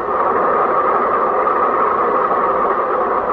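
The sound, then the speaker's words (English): A stopped train waiting at a railroad crossing, after a car ran into it, idles with a steady, unbroken rumble and hiss at constant loudness throughout, with no voices or other distinct sounds. “The bus has to pass the railroad crossing, too, and the train is at the railroad crossing.”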